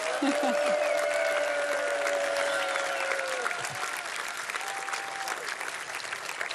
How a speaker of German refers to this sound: Danke, nochmal einen Applaus